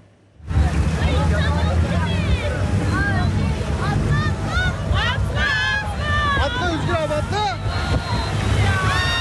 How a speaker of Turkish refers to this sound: Muğla'nın Marmaris ilçesinden açılan bir tur teknesi su aldı. Akvaryum koyunda batan teknede tehlikeli anlar yaşandı. Yolcuların güvenli şekilde tahliyesi sağlandı. Can kaybı ya da yaralanan olmadı.